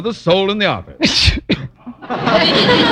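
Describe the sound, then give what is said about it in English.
A man speaks briefly, then a sharp, loud sneeze bursts out, followed by a breathy, noisy rush of sound. “Bless you.”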